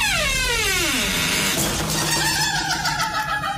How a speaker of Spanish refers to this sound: Ahora sí, ya es que estaba como atrancadito y cerramos la puerta del baño porque